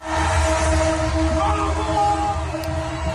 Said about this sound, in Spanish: Miles de aficionados argentinos han salido a las calles a celebrar la victoria en Buenos Aires. Hasta los trenes se han unido a la locura colectiva tocando la bocina.